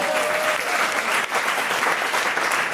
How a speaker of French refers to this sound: Quelques applaudissements me remonteraient le moral.